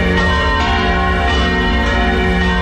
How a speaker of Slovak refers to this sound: Presuňme sa do novogotickej veže dómu. Nachádza sa v nej najstarší zvon Bratislavy.